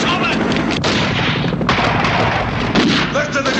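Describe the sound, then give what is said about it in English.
Loud, dense gunfire crackles nonstop over a heavy rumbling roar: machine-gun bursts fired from helicopters into a building, with a few sharper blasts punching through the din. “The helicopter gunfire continues as guards hurry around the perimeter.”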